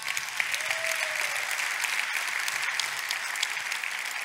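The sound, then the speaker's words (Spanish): Steady applause from an audience, given as an applause for Christ, a dense crackle of many hands clapping at an even level throughout, with no voices standing out above it. “Dar un aplauso a Cristo.”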